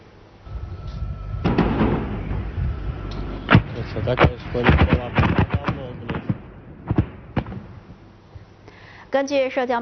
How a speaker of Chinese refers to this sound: 根据社交媒体上现场目击者当天凌晨所拍摄的画面显示，多枚导弹从夜空中划过，并且击中了附近的建筑物，紧接着传出连续爆炸声，随后又有多批导弹袭来，拍摄者匆忙躲避。